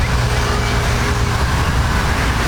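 Steady roar of heavy road traffic on the Zeytinburnu seaside road, cars and larger vehicles passing continuously with a deep engine rumble and no breaks, loud and unbroken throughout.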